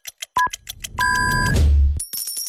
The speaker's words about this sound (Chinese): 用好茶酿好酒，金星中式精酿啤酒为您准点报时。